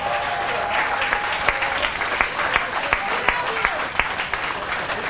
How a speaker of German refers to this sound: großen Applaus für Stack noch einmal, bitte.